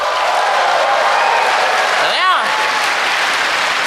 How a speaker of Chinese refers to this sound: 哟，这就是现场麦克风 check one two， 这就是 freestyle， 各位给我一点欢呼。哇！